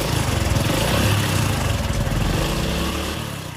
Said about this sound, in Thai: ถ้าทำได้ตามนี้สตาร์ทรถออกไปกันเลย